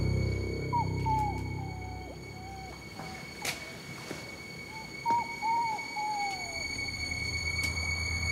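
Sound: dog whimpering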